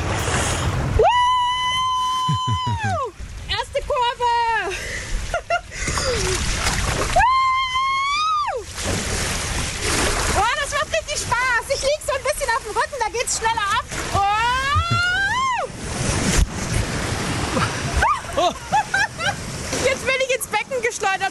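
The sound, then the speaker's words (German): Loud, steady rushing and splashing water fills a woman's whole ride down Saxony-Anhalt's longest water slide, at a pool in Bad Bibra, Burgenlandkreis, Germany, with water at 22 °C. Her excited shrieks and shouts rise over it again and again. “Flitzt über Sachsen-Anhalts längste Wasserrutsche, wenn sie sich traut.”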